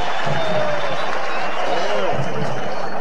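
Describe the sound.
A stadium crowd applauds the Internacional players as they greet the fans, a dense, steady wash of clapping and crowd noise that holds at an even, fairly loud level throughout, with faint voices and whistles mixed in.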